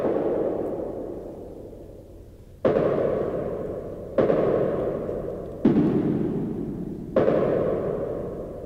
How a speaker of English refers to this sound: footsteps of a man walking in shiny leather shoes along an endless chessboard floor. Is he following a trace? concentrate on the relation between the higher footstep sound and the lower footstep sound. Does it stay the same?